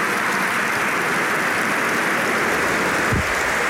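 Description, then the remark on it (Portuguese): Sustained applause from a large crowd of delegates, a dense, steady wash of clapping hands that stays loud and even throughout, with no voices standing out above it. “Mais aplausos dos delegados”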